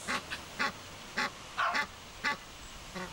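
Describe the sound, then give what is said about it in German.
An Egyptian goose calls in a series of about seven harsh, nasal honks, spaced unevenly, while the gander walks around guarding the nest. No talking, with a faint outdoor background between calls. “Ja, die, also Nil ganz, der Ganter läuft rum, passt auf.”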